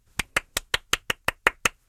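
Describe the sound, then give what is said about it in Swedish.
A short burst of applause for Bubbel: nine crisp, evenly spaced hand claps in a quick steady rhythm, fairly loud, with no voices and silence right after. “Applåder för Bubbel som bubblade så fina B-bubblor.”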